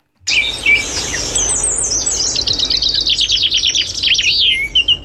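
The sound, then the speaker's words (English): Birds chirp and twitter busily and without pause, overlapping bright calls and quick trilling bursts, fairly loud over a faint low background rumble, with no voices. “It's, I don't know the sounds of birds, but go on.”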